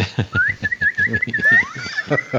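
A high, warbling bird-like whistle trills continuously and slides in pitch, played as a sound effect over a steady, rhythmic low thumping beat.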